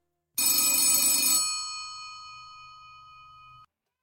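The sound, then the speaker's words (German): A single loud ring of an old-style telephone bell at the police in Vallejo, a rapid metallic clatter for about a second that leaves a ringing tone slowly fading out, with no voices. “Und eine halbe Stunde später klingelt bei der Polizei in Vallejo das Telefon.”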